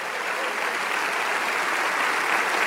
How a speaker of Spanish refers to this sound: Vamos, dale ese aplauso, Rey de Reyes.